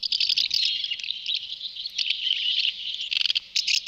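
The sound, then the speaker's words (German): A dense chorus of high, chattering twitters from several house martins, continuous, with quick rapid bursts near the end and no talking. “Ja, Sie haben es sicher erkannt. Das ist die Mehlschwalbe.”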